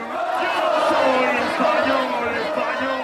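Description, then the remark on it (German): About 6,000 football fans cheer and shout continuously in a loud, dense roar of many voices, sustained throughout without pause, at a public viewing on Plaza de Colón in Madrid, Spain, celebrating at the final whistle of Spain's win over France. “So jubelt Spanien sich ins Finale. Mit dem Abpfiff gibt es beim Public Viewing auf Madrids Plaza de Colón kein Halten mehr.”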